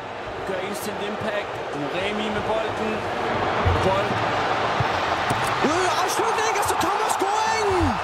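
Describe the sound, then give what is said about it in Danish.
A football stadium crowd roars after South Africa's goal in its World Cup group match against South Korea: a dense, continuous wall of cheering that swells slightly partway through, with rising and falling pitched shouts or horn blasts cutting through. “Og det, vi hører her, det er jo Sydafrikas ene scoring i kampen mod Sydkorea, som faktisk var lidt en overraskende sejr.”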